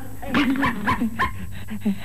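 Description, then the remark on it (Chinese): A small pet dog named Lulu whines and yips, a drawn-out whimper followed by a quick series of short, high yelps and whimpers over about two seconds. “人虽然没有看见，这小狗却是很不高兴。”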